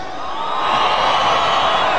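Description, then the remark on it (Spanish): A large crowd roars with shouts and whistles, a dense, continuous wall of cheering that holds loud and steady throughout, with no single voice standing out. “El grito y el chiflido de la gente cabrona.”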